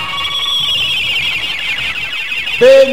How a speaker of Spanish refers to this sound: Y ya, aprovechando este parón del partido, que suene la chicharra con Chevrolet para marcar el tiempo de juego.